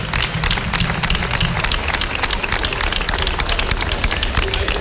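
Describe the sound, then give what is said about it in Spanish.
Steady, loud applause from an audience at the Feria de San Miguel, a dense wash of many hands clapping at once that continues without a break for the whole stretch, applauding the local girls and boys and their parents. “Yo pido un aplauso fuerte para estas niñas y para estos niños y para sus padres y sus madres que nos sufren a nosotros durante un año entero.”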